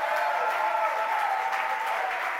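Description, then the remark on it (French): An audience applauds the Lord Jesus in the morning, clapping steadily throughout, a dense, continuous wash of many hands, with faint voices mixed into the crowd noise. “Est-ce qu'on peut applaudir le Seigneur Jésus ce matin?”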